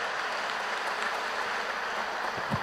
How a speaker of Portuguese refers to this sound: Uma salva de palmas para os seminaristas e os vocacionados e vocacionadas.